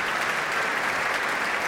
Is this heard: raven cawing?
no